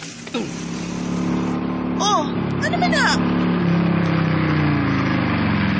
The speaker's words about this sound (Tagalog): Ano di ba huwag man imong motor? Aron magsulti tagtarong.